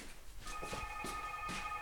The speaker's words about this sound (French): Alors là, Dieu, il y a le téléphone qui sonne encore.